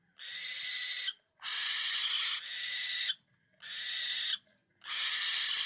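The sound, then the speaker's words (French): Four long, harsh barn owl screeches, each about a second, loud and rasping with a hissing, shrill edge, separated by short silences. No voices accompany them. “Peut-être que la prod pourra nous rajouter le cri de la chouette effraie.”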